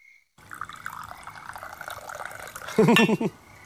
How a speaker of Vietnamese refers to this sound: Công nhận, từ khi về dưới quê này á, mình rót trà giống như trong hoàng cung vậy á.